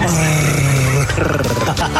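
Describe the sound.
A man growls in a low, rumbling voice for about two seconds, a throaty animal-like snarl that wavers in pitch and stays loud throughout.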